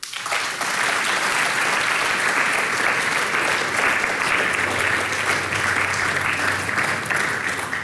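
An audience breaks into loud, steady applause for a folk music trio on stage, dense overlapping clapping that swells in and holds at an even level for about eight seconds, with no voices on top.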